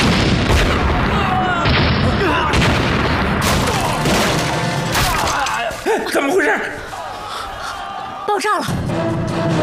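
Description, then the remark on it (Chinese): Loud explosions boom and crash in a dense, chaotic barrage, with sharp bursts like gunfire and debris. Shouting voices are faintly mixed in under the blasts. “爆炸了！”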